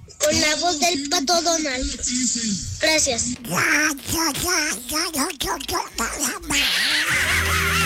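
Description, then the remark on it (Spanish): A person talks in a raspy, garbled Donald Duck voice impression for several seconds, loud, the quacking syllables running together in an unbroken, animated stream. “Con la voz del pato Donald.”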